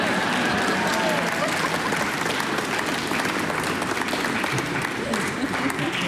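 A large audience applauds between movements, dense overlapping claps forming a continuous loud wash for about six seconds, with faint crowd murmur mixed in.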